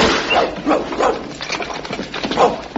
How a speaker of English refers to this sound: I say, he's come straight through the wall. That's Tiny for you. Got no use for doors. I say, what a whopping great dog. Yes, he's half Alsatian and half Nelson. And just a touch of Shetland pony.